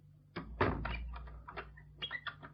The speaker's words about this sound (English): Here, close that door. Yes, Mama.